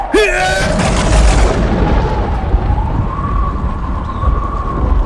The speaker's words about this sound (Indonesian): Bersamaan dengan itu, angin topan bertiup kencang, dibarengi gempa bumi yang mengguncang seluruh kerajaan Kalianget.